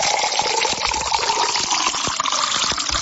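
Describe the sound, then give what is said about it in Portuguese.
Water pours steadily into a glass for a few seconds, a continuous splashing gush with small bubbling clicks throughout and no talking. “Essa água tá boa, não tá? Vamos tomar até mais um copo agora, mais um.”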